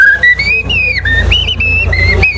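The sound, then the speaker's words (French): Someone whistles clearly, imitating a blackbird's song with a run of flowing, warbling phrases that rise and dip in pitch, over a low steady hum. “Et alors que si c'est un grand arbre plus vieux, on aura le merle noir.”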